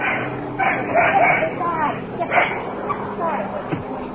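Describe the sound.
A dog that has just been woken lets out several short, muffled barks and yips in uneven bursts, set against a low hum of background noise and faint voices.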